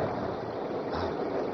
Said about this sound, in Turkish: İşte yağmur başladı anne bak.